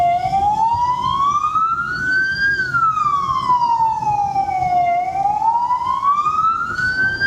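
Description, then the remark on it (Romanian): A loud ambulance or police siren wails steadily, its pitch sweeping slowly up and down in long cycles, over a low rumble of traffic and engines at a busy intersection. “În toată harababura din intersecție, haosul devine complet în momentul în care se aude o sirenă de ambulanță sau poliție.”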